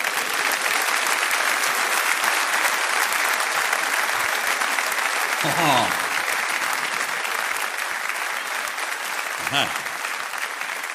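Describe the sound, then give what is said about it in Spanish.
Steady, loud applause from an audience fills the whole stretch, a dense wash of clapping with brief whoops or cheers rising above it twice. “Fuerte el aplauso para él, ¿eh?”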